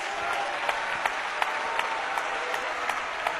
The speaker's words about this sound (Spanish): ¿Cuánto le dan un aplauso a la gloria de Dios?